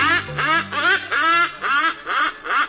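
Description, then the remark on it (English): A hornbill calls in a steady run of about seven loud, harsh, nasal honks, each a short squawk with a rasping edge, repeated without pause and with no voices present. “Take comfort in the bird that does it year after year. The hornbill.”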